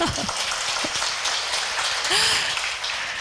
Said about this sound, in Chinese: 我们掌声通过。